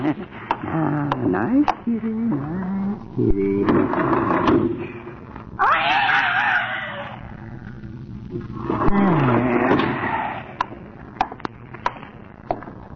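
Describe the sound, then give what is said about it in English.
A cat meows several times in drawn-out, wavering cries, with one louder, harsher yowl in the middle, alongside a few sharp knocks and clicks. “Didn't I hear the kitty meowing?”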